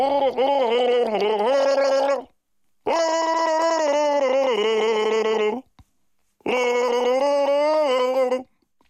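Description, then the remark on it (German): Three long bursts of throaty gargling of Baltic Sea water, each about two seconds, separated by short silences, with a wavering voiced tone bubbling through liquid, fairly loud. “Das NDR 1 Radio MV Ostsee Wassergurgeln.”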